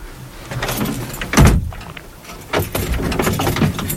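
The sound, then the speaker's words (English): A heavy cell door slams shut with a loud clang as a prison officer leaves the cell, followed by softer metallic rattles and shuffling noises as it settles. No one speaks. “He's leaving the cell.”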